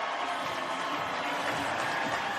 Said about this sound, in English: Hey, guys. I can't hear anything right now. They're cheering so crazy.